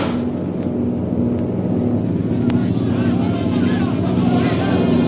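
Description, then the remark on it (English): A loud, steady engine drone of low-flying airplanes roars continuously, a deep humming rumble with a rough buzzing edge that stays loud and constant throughout. “Look how low they're flying.”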